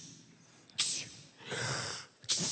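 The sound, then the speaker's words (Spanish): A person imitates sneezing, acting out the sneezes of a dead boy in a Bible story, with a few sharp, breathy bursts: one short burst, then a longer hissing one, then another quick burst, with no talking. “El muerto estornuda 7 veces para que entiendan lo que está pasando.”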